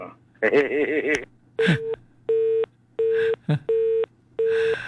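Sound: phone call tone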